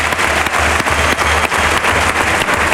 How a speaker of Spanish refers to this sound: Sale Manuel Escribano entre las rayas de picar. Claro, ha hecho un esfuerzo grande. Claro, grande, un mérito tremendo. Y ahí recibe una fuerte ovación del público.